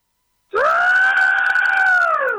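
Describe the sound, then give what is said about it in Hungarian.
A person imitates a pterosaur's call with one long, sustained screech that starts abruptly, holds a steady high pitch with strong harmonics, and fades slightly at the end. No other sounds accompany it. “Pterosaurus? Pterosaurus.”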